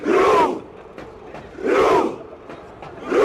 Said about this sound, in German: Die Norweger feiern mit ihren Fans mit der mittlerweile legendären Ruderaktion.